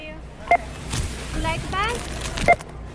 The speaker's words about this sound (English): We recorded this little beep you're hearing in a checkout line at America's biggest retailer, Walmart.